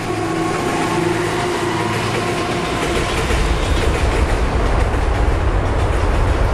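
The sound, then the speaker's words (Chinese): A train rumbles steadily along the tracks beneath the Longyan Bridge construction site, one of three busy railway lines, a continuous loud roar with a low-end surge midway as the cars pass, faint rhythmic clatter running through it. No one speaks. “而铁路部门的底线则是在火车驶过时，上方绝不允许施工。”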